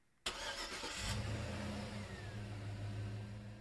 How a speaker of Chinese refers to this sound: 这首歌很应景，对不对啊？开这个歌曲的前奏一刚开头就是车子的引擎发动声